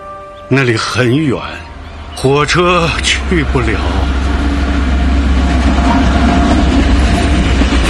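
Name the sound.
passing train on rails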